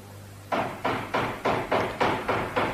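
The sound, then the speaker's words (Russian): Someone knocks on a door with seven quick, evenly spaced raps in a steady rhythm. Each knock is a firm, solid thud that fades slightly before the next, with no voices. “Кто там? Кто стучит?”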